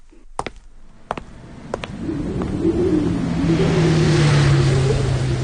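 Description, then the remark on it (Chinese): A few sharp knocks, then a heavy truck engine starts up and settles into a loud, labored, steady rumble that swells and holds as the truck, carrying soldiers, climbs a mountain road, with no talking. “卡车在山路上爬行，卡车里的士兵们紧张地盯着周围的山岗和树林。”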